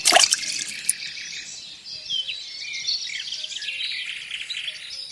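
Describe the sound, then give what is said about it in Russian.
A single short splash at the very start as a knife is thrown into water, then a steady outdoor bed of birds chirping and insects buzzing, with no one talking. “Кидает нож в воду.”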